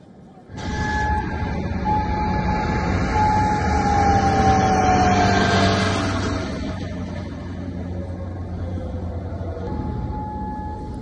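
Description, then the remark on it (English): A wailing siren sounds over Kuwait in the early hours of the morning during missile and drone attacks from Iran, its drawn-out tone slowly sliding in pitch over a steady rumble of outdoor background noise, fairly loud and sustained from just after the start to the end. “And sirens sounded over Kuwait in the early hours of the morning as it confronted the missile and drone attacks from Iran.”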